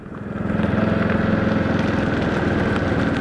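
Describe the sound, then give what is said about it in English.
A golf cart's motor starts up and settles into a steady, loud droning hum with a low, rattly pulse, running continuously without any voices, as the cart heads onto a golf course owned by the Colorado Golf Association. “I hopped into a golf cart and headed onto the course to hear about an unusual collaboration between Common Ground and Denver Botanic Gardens.”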